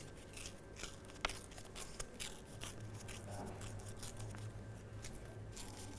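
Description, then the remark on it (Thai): Paper is torn slowly by hand, held on both sides between thumb and index finger, to make a torn-paper artwork: a steady, fairly quiet crackling rip with small irregular snaps and one sharper tear early on, with no voices. “ค่อยๆใช้นิ้วหัวแม่มือกับนิ้วชี้จับที่กระดาษทั้งสองข้างค่อยๆฉีกกระดาษค่ะ”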